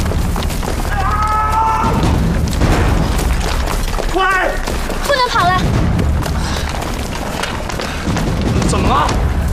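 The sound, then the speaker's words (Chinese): Gunshots from pursuers boom repeatedly at a distance, growing farther away as darkness falls, through a loud, chaotic scene with people shouting and talking over the constant noise. “你没听见对方的枪声远了吗？”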